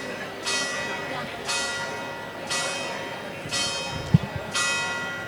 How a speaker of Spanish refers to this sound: Y la basílica toca las campanas porque son las 6:30 de la tarde.